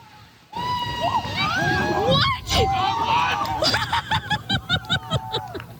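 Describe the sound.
An excited crowd at the Special Olympics Nationals golf competition in Medicine Hat erupts in overlapping cheers, shouts and laughter after a Regina golfer's hole-in-one at the 16th hole, voices rising loudly together, then a run of rhythmic whoops and claps near the end.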